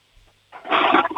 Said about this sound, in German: Wow. Ihr habt aber eine laute Klospülung, die ist sicher voll kräftig. Da hat die Klospülung wahrscheinlich kein Problem, das Klo wieder sauber zu kriegen, oder?